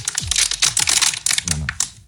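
A plastic water bottle crushed in the hand, giving a rapid series of sharp, crackling crinkles in uneven bursts over about two seconds, with a brief murmur of voices in the middle.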